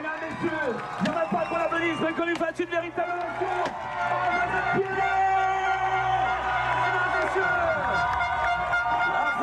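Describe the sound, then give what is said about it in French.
The public at the finish of the Ironman 70.3 Aix-en-Provence cheers and applauds the women's winner steadily throughout, with whoops and scattered horn toots rising over the din while an announcer speaks loudly above it. “les ovations, les acclamations du public d'Aix-en-Provence pour la victoire de Marjolaine Pierret qui s'impose donc pour la deuxième année consécutive sur cet Ironman 70.3 d'Aix-en-Provence.”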